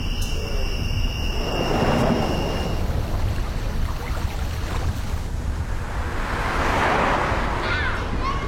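Two motorcycles on the road roar past one after the other, each engine swelling to a loud rush and then fading, over a constant low rumble with a thin high whine early on.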